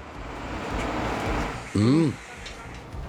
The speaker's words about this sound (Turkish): Ay, gelen çöp kamyonuymuş. Her zamanki yanlış alarmlardanmış.